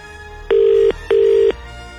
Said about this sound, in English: Yeah, it's ringing.